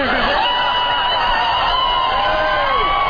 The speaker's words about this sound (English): And then the crowd goes wild.